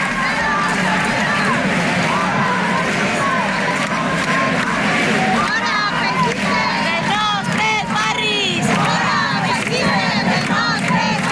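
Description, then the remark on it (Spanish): A large crowd of about 200 antifascist protesters surrounding an encampment in the Plaza del Ayuntamiento, Valencia, shouts and yells loudly and continuously, many voices overlapping in a dense roar with rising, chant-like cries, without any clear individual speech. “Gritos de un grupo de unas 200 personas de ideología antifascista que ha rodeado la acampada como respuesta a la convocatoria de un colectivo de ultraderecha de una concentración en contra de esa acampada.”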